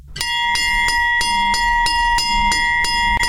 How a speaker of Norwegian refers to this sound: Den ikoniske Hjemmeis-klokke.